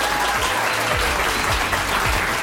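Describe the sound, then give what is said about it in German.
Steady, dense applause from an audience, a broad wash of clapping that stays loud and even throughout with no voices on top. “Die Leute finden das auch, deswegen klatschen die gerade alle.”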